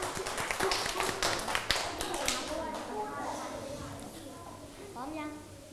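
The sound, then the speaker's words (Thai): Children in a classroom clap a second round of encouragement for a presenting group: a quick, dense burst of applause that thins out after a couple of seconds, giving way to murmuring children's voices. “รอบที่2ให้เต็มที่ปรบมือให้กำลังใจจ้า”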